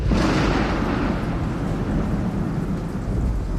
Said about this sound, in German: Grellgelbe Blitze durchschneiden den pechschwarzen Himmel. Eiskalter Regen peitscht übers Deck. Der Wind schleudert das Segelschiff gegen haushohe Wellenberge.